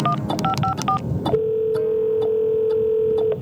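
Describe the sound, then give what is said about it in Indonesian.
Telephone keypad tones beep in a quick series of paired-pitch presses as the Madiun Siaga 112 emergency number is dialed in the city of Madiun, then a steady ringback tone hums for about two seconds; no one speaks. “Wah, kalau gitu kita harus buruan telepon ini sebelum ada kecelakaan gara-gara pohon tumbang.”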